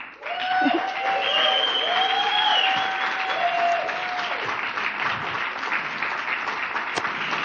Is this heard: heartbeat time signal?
no